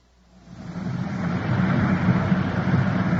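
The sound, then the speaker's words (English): A Culver City, California police patrol car, car 5-6, drives along on patrol, its engine and road noise swelling up over the first second into a steady rumble that continues without any voices. “We switch you now to car 5-6 on patrol”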